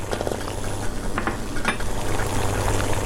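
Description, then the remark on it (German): Water bubbling steadily at a rolling boil in a pot just after eggs are put in, with many large bubbles rising, a constant low rumble and irregular pops and gurgles of bursting bubbles, moderately loud, no voices. “Erstmal blubbert's noch ein bisschen mehr. Es steigen viele große Blasen im Topf auf.”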